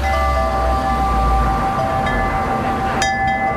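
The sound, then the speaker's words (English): Metal wind chimes at a small Buddhist temple ring with several sustained, overlapping bell-like tones, and a fresh bright strike sounds near the end, all over a steady rumbling wash of background noise from kitchens, forklifts and delivery trucks. “There's a little yard here, almost like a peaceful garden with a few Buddhist statuettes, and that's why you probably can hear the wind chimes behind me.”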